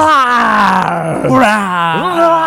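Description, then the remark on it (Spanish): A person answering a phone call from the show imitates a dinosaur with a long, loud, raspy roar, its pitch sliding slowly downward, briefly breaking, then swooping up once before settling low again. “Y después de eso, nosotros agarramos un número al azar, le marcamos y que nos conteste como todo un dinosaurio. A ver, ¿cómo le hacen los dinosaurios?”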